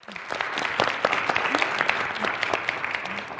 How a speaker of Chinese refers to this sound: 同学们，让我们再次要用掌声感谢